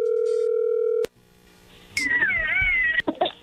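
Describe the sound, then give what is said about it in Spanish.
A steady, low telephone tone hums for about a second, then cuts off with a click as the phone call goes through; after a quiet gap, a high, wavering, meow-like cry rises and falls. “Bueno, a ver, ahí entró la llamada.”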